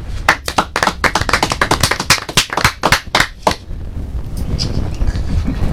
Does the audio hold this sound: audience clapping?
yes